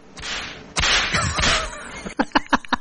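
Loud whip sound effect: airy whooshing swings with a sharp crack, then a quick rhythmic burst of four or five snapping whip cracks at the end, with no talking.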